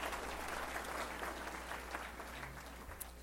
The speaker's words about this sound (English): And can we get a collective round of applause for everybody who has taken the courage to run for city council this term?